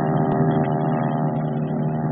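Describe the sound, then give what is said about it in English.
Aircraft engines roar as planes take off from a carrier flight deck out over the Pacific, a loud, steady droning rumble with a dense layered hum that holds unbroken throughout, with no voices. “And bright and early, the planes began to screen down the flight deck, out over the Pacific, and on to the office.”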